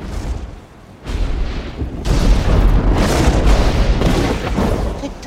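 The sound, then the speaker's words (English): Lightning strikes a tree with a sudden loud crack, followed by a second burst and a sustained, crackling, booming roar that stays loud and rumbling to the end. No voices are heard. “as power builds and lightning strikes the tree.”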